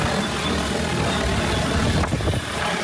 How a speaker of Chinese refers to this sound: 伴随着旋翼轰鸣，一架农用无人机很快抵达山顶茶园上空，精准悬停，稳稳吊起一袋刚采摘下来的茶青，仅用2分钟便将茶青运到了山脚的加工点。